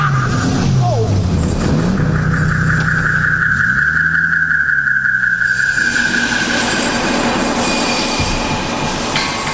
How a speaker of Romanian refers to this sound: Am auzit zgomotul unei mașini.